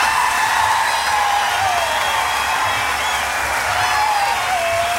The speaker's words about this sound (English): Please keep your hands together. And with a big 1991 Jazz Fest cheer, bring to the stage New Orleans' First Lady of Jazz, Miss ….